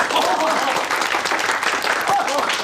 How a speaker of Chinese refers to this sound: 鼓掌！